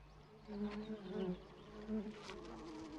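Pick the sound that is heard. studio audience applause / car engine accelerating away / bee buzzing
bee buzzing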